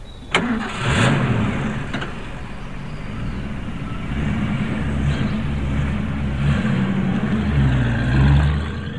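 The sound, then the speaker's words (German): A heavy military truck engine cranks and fires up with a sharp clunk, then rumbles loudly and revs unevenly as it pulls away from a military base and keeps driving, loaded with glycerin, with no voices. “LKW hat den Stützpunkt verlassen.”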